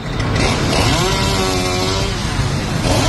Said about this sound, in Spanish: El sonido de la motosierra alertaba a los viandantes y a Más Madrid, que denunciaba ya en el interior la tala de árboles en el entorno de la Plaza de Cibeles para la instalación de un escenario para la visita del Papa.